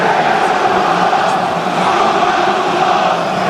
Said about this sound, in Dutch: Terwijl het publiek weer zingt. Komen wij uit Rotterdam. Kun je dat niet horen dan? Dat was het moment net voor de 2-0 van Feyenoord.